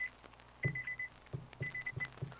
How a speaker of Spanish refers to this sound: Les está sonando el despertador. Bueno. Sí, bueno. Te está sonando el despertador.